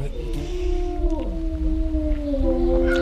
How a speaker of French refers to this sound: Oui, ben, généralement ils font des va-et-vient tout au-dessus quand on les voit. Donc ici c'est un couple de loups gris.